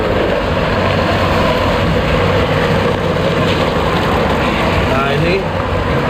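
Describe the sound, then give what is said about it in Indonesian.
A fairly modern soybean grinding machine runs continuously as soybeans are fed in, separating the pulp from the soy milk. It makes a loud, steady mechanical roar with dense whirring noise that holds unchanged for the whole stretch. “Masuk ke mesin giling ini ya?”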